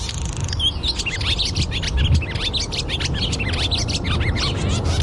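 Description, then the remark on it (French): Barn swallow song: a rapid, continuous stream of high twittering chirps and warbles, steady throughout, over a low rumbling background. “l'hirondelle rustique que je propose d'écouter enregistrée par Tom Stewart”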